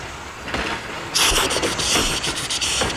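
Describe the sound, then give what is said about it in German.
A steam locomotive hisses loudly as steam is forced through its valves, a dense burst of steam that swells up about a second in, with rhythmic chuffing pulses throughout as it runs at full steam along the tracks. No voices. “Mit aller Kraft lässt er den Dampf durch die Ventile zischen. Er ächzt und keucht mit Volldampf die Gleise entlang.”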